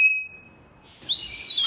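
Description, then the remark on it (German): Two clear bird whistles, the two different forms of whistle that birds use in their songs: first a long, steady pure tone that holds flat, then a brighter, louder note that sweeps upward and arches. Clean, with no voices. “Dann gibt es 2 unterschiedliche Formen von Pfiffen.”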